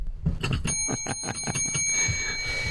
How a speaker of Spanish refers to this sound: No tenim el timbre aquí dins? Sí. Està allà, toca el timbre.